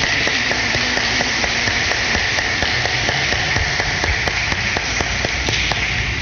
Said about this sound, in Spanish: Un aplauso y felicidades.